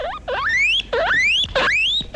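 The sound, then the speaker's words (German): Three loud, rising dolphin squeaks in quick succession, each a bright upward-gliding whistle with a few faint clicks at the edges, with no talking. “Das hier sind Delfine.”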